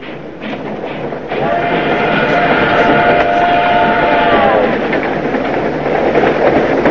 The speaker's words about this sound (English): The train leaves the station.